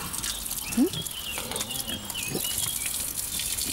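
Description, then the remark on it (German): A pig gives a short, low grunt, followed later by a fainter second one, against a steady background hiss. “Für die Schweine ist es eben halt nur ein angenehmer Geruch.”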